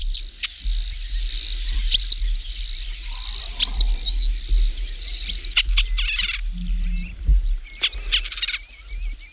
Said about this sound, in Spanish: Bueno, pues estamos escuchando un águila real para también poder comparar el águila real, que tiene incluso mayor envergadura que la imperial. Es la otra gran rapaz andaluza, española seguramente.